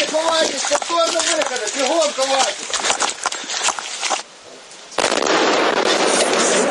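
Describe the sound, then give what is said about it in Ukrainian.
Sharp explosive bangs from Russian missile strikes on Kyiv at night crack out amid frantic shouting voices, recorded by patrol police, followed by a sudden loud, sustained roaring rush of noise that fills the last couple of seconds. “Чергова пекельна ніч для Києва під ударами російських ракет.”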